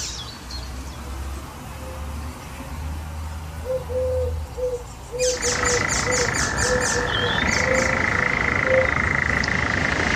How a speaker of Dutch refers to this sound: Een briljant variërende en imiterende vogel. Die zelfs een perfect bad-eendje in huis heeft. De spotvogel.